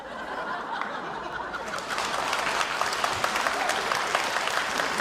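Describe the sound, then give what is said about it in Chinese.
Audience applause at a comic performance, following a performer's wordplay joke, swells from a light patter into dense, steady clapping, with scattered laughter mixed in, holding at a moderate level for several seconds. “这还鼓掌呢？”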